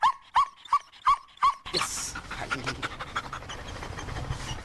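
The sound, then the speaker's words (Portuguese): Cobra Kai, a female GNR dog, licks the microphone during a radio interview on Antena 1 on World Animal Day: five quick, evenly spaced whimpering yips, then loud panting and snuffling noises at the microphone with no one talking. “E agora está aqui a lamber o microfone, não é? Queres dizer mais alguma coisa aqui para o microfone?”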